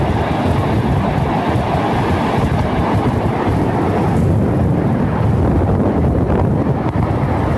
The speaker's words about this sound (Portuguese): Aí, portanto, né, um vídeo, né, com áudio bastante prejudicado em função do barulho do mar, né, mas bastante esclarecedor, né? Teve um tsunami meteorológico lá no Campo Bom há poucos instantes, agora pela manhã, na hora do vento aqui, né?